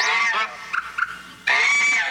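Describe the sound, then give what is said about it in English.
A bird gives loud, harsh, honking calls to attract a mate: a long nasal call, two short clipped notes, then another drawn-out honk. No one speaks. “And like humans, birds use their voices to attract mates.”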